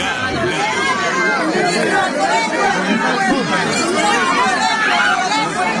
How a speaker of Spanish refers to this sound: vamos a ir escuchando un poco de los pedidos que se hacen, el sonido ambiental en este momento porque hay muchos gritos, solicitudes. Vamos a ir escuchando.